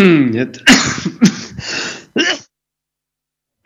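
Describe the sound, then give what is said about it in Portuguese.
A loud allergic coughing fit: four or five harsh, raspy bursts in quick, uneven succession, some with a throaty vocal edge, ending abruptly in silence. “Peço muito imensa desculpa, mas esta minha proverbial tosse alérgica prega-me destas partidas, mas parece que já estou em condições então de fazer as despedidas finais do programa.”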